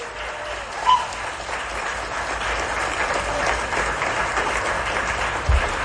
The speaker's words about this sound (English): Enthusiastic clapping there for the sale of Gus, the T-Rex fossil.